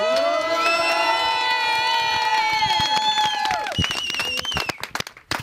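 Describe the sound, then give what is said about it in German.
The village community of Kleinpreding cheers loudly as an ice-cream reporter arrives, many voices shouting together in a sustained, high-pitched roar for several seconds, then breaking into scattered clapping and a few calls as it winds down. “Sind das alles deine Fans?”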